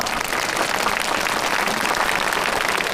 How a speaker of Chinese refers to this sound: 让我们掌声送给他。